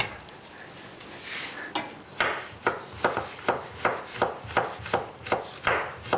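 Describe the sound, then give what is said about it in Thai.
A knife chops steadily on a wooden board while ingredients for a curry are being cut, about ten crisp, evenly spaced knocks, following a second or so of quiet rustling with no one talking. “เสร็จแล้วเราก็จะมาหั่น”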